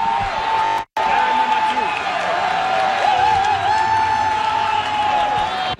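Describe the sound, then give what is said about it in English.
Thousands of fans at the FIFA Fan Fest at Old Fort York, by Lakeshore, roar and cheer as Canada's goals go in for a 2-0 lead, a loud, continuous wall of voices with scattered whoops and claps, broken only by a split-second cut near the start. “The crowd roaring by Lakeshore when those goals went in.”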